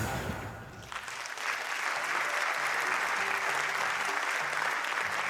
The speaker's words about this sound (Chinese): 哎，谢谢大家，热情的掌声鼓励哈